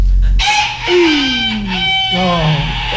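A hoarse rooster crows once, a long, strained cock-a-doodle-doo lasting a few seconds, loud, with a raspy, falling tone at the end.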